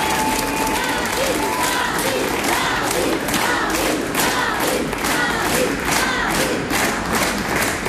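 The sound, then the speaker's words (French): Sustained applause from a large audience at an afternoon event at the Louvre-Lens, dense clapping mixed with scattered cheers and shouts, steady and loud throughout with a crowd murmur underneath. “et ça commence toujours par des applaudissements.”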